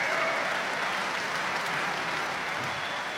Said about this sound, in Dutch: Applaus voor het Storioni trio en klarinetist Arjan Woudenberg. In 2018 in het Muziekgebouw in Eindhoven. Met The Rhapsody in Blue van George Gershwin in een arrangement.